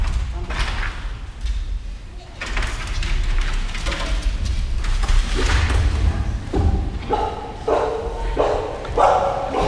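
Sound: dogs barking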